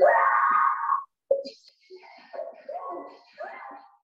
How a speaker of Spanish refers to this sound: Otros compradores procuraban ayudarla, pero solo fueron espantados tras el fuerte alarido de la mujer.